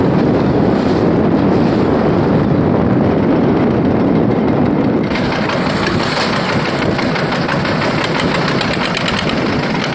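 Strong wind roars across the microphone over rough, churning water as a father and son take their fishing boat out to check their nets, the boat engine droning steadily underneath; loud and continuous, with a harsher gust-like surge about halfway through. No voices.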